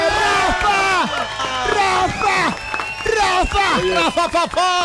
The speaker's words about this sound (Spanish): ¡Ay, Olímpica! ¡Olímpica! ¡Hombre, un aplauso!